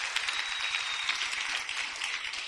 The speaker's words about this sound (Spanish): Démosle un aplauso al Señor, hermanos.